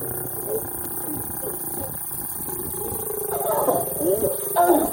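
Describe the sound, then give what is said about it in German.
Deep, rasping growls and snarls from two lions mating in broad daylight right beside a road in Kruger National Park, South Africa, come in a few short bursts that grow louder toward the end, over a steady low engine hum from cars standing around the animals. “2 Löwen paaren sich am helllichten Tag direkt neben der Straße.”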